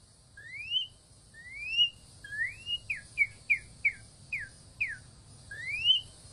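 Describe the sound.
A person whistles an imitation of a northern cardinal's call: rising slurred whistles, then a quick run of about seven short down-sweeping notes, then another rising whistle. Clear over a low background hum.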